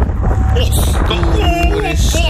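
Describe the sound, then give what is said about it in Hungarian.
Loud wind rushes and roars steadily past a flying paraglider, with a deep buffeting rumble throughout, while a voice carries faintly underneath. “Ott, majd hallasz egy hangot, figyelj. Ez a szél.”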